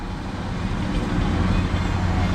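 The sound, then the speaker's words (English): A steady, dense roar of highway traffic on a highway with five lanes on each side packed with cars, a continuous rumble of many vehicles with no breaks, loud and unbroken throughout. “5 lanes on each side. Packed with cars.”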